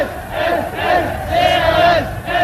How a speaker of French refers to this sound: Et oui, et il faut se rappeler qu'à l'époque, effectivement, la jeunesse criait CRS, SS, De Gaulle, assassin. Si on peut écouter Daisy, le son de cette jeunesse crier, effectivement, voilà.